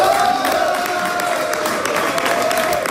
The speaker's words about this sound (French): C'est sous les acclamations de ses partisans que Diane Dallaire a célébré sa victoire.